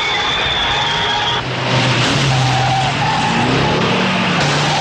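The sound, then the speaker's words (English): Race cars roar with loud, sustained tire squeals and skidding, engines revving hard and pitches shifting as drivers steer hard to swerve through a chaotic high-speed chase during a race. “Other drivers steer hard to navigate the chase amid the race.”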